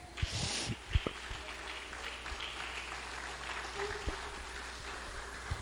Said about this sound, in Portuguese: Amém, irmãos? Pode se assentar e bater palmas para Jesus.